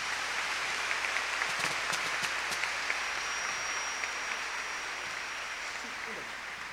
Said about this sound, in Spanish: Un aplauso para nuestros consagrados. Venga.